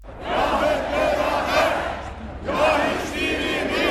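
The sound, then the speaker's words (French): Thousands of supporters of opposition CHP leader Özgür Özel chant loudly in unison in front of the Parliament in Ankara, in the evening rain: two sustained rhythmic bursts of many raised voices separated by a brief dip, with a dense roar of shouting filling the background. “Hier soir, des milliers de partisans sont venus le soutenir devant le Parlement.”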